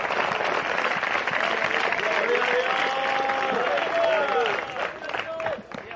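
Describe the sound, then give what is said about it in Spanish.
An audience applauds for the Lord in a dense, steady wash of clapping that holds for several seconds, with voices rising and calling out over it before it starts to thin at the end. “Ya se avivó, denle un aplauso al Señor.”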